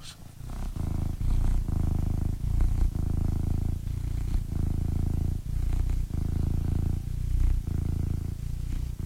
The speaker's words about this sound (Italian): Un attimo solo, perché voglio far sentire il mio gatto come fa le fusa. Sentite un attimo, un attimo solo, eh.